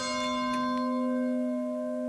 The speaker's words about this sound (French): Notre prière se poursuit, vous entendez les cloches de l'Angélus.